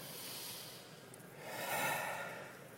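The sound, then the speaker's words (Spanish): A single slow, deep breath, demonstrated to activate the vagus nerve for calming, is drawn in audibly and released, soft airy noise swelling in the middle and fading out, with no talking. “Y ese nervio se puede activar con la respiración. Una respiración parecida a esta.”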